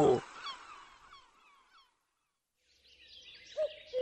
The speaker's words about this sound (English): Down by the sea, I heard a bird. Mew, mew. I said to the seaside bird I heard, "And who are you?" "I am a gull, a seaside gull. How do you do, mew? Mew, mew."